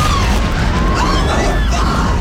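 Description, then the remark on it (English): A massive explosion as a plane hits the World Trade Center building on 9/11 roars as a deep, sustained rumble that fills the whole moment, loud and heavy, with faint shouting or cries mixed into the din. “Another plane has just hit. Explosion.”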